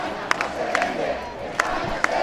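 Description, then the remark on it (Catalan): A large crowd of protesters with many Spanish flags chants slogans against President Pedro Sánchez in Plaça de Cort, Palma, a dense roar of voices with sharp rhythmic shouts punctuating it every half second or so. “A la plaça de Cort de Palma s'han sentit càntics com aquest.”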